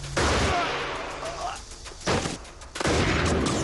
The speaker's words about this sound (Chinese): 语音未落，一心以极快的速度拔出了枪，砰的两枪，两个士兵倒下了。